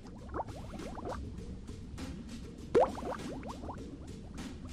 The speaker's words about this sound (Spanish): ¿Están listos para hacer burbujas? A mi señal. 3, 2, 1.